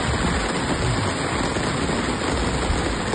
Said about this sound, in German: Regen, endlich. Naja, sagen wir ein paar Tropfen, ja, die sich auf den Weg gemacht haben.